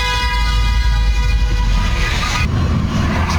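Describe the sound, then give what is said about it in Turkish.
A car horn blares in one long, steady blast over loud, rumbling traffic noise in Eyüp Sultan, Istanbul, Turkey, a driver honking to warn a car thought to be drifting into the adjacent lane, then cuts off abruptly while the engine drone continues. “İstanbul Eyüp Sultan'daki olayda iddiaya göre bir sürücü yan şeride taştığını düşündüğü otomobili korna çalarak uyardı.”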